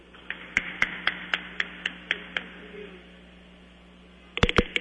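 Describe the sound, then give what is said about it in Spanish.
Applause given as a birthday greeting for someone turning 21, in the form of sharp, evenly spaced hand claps at a steady beat, fading after a few seconds, then a short cluster of louder claps near the end. No one speaks. “Que el Señor le regale salud y larga vida, y le damos un fuerte aplauso.”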